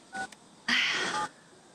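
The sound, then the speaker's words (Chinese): A short electronic beep from a phone keypad, then a longer, louder tone a moment later, as a person dials a number to make a phone call. No one speaks. “我现在就给他打电话。”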